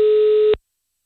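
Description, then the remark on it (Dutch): A telephone ringing tone as a radio presenter places a call during a broadcast on the station Kink: one steady, mid-pitched electronic tone holds for about half a second, then cuts off into silence. No one speaks. “Dus ik bel Linda toch maar heel veel op om het eventjes in de uitzending te behandelen.”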